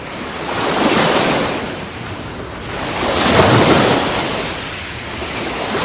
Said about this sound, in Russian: Шторм на горном озере. Наверное, многим покажется странным, что на озере может подняться шторм. Но если озеро очень большое и глубокое, сильный ветер без труда поднимает на его поверхности большие волны и гонит их к берегу.